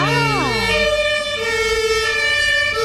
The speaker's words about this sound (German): Das war jetzt nicht eingeblendet, es war live dabei, irgendwie ein vorbeifahrendes Auto mit Hatütata. Ich denke, das ist mit über die Sendung gegangen.